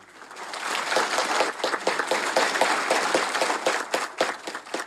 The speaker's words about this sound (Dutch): Applaus van de kardinalen die zich dus hadden verzameld gedurende 2 dagen rond Paus Leo de 14e en ook rond die verschillende thema's.